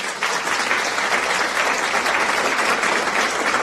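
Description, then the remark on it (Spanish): Steady applause from a crowd, a dense wash of many hands clapping at once, fairly loud and sustained throughout without any talking over it, played for those who answered "the umbrella" in a riddle game. “Un aplauso para los que dijeron el paraguas. Aplausos, por favor.”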